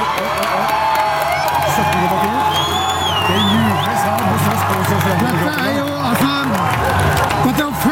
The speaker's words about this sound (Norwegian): Det derfor det også jubel her hos Sosialdemokratiet, som har brukt veldig mye av sin valgkampkapital på å advare mot SD i regjering.